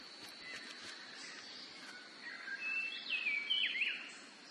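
Several birds call and chirp in a cloudy highland oak forest, where many kinds of birds gather to eat the fruit, with a high steady tone and short swooping whistled notes rising in the second half, moderately loud over a soft, airy background hush.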